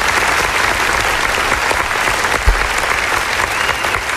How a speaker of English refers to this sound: And last but not least, somebody say congratulations. I have to give a round of applause.